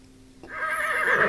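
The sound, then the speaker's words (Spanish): A horse neighs loudly, a rising, strained whinny with a wavering tone that builds in intensity over about a second, preceded by a faint low hum. “Sacando ya relincha más.”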